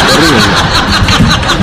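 A motorcycle engine starts up and runs with a loud, rough, continuous roar for a moment, its pitch wavering slightly throughout.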